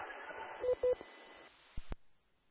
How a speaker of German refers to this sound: Dann telefonier mal mit deinem Sohn. Nein, das ist eine WhatsApp-Nachricht.